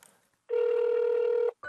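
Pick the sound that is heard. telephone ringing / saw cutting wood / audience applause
telephone ringing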